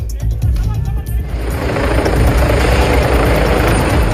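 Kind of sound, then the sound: vehicle, air ambulance helicopter landing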